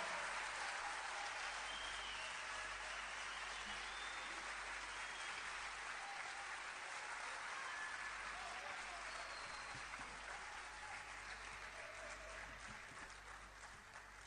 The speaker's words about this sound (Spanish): Yo quisiera que también les brindaran, así como a nosotros nos han dado un fuerte aplauso de cariño, de amor, quisiéramos que recibiéramos también con un fuerte aplauso a Manuel, Cristian y Boris, los músicos que esta noche nos acompañan.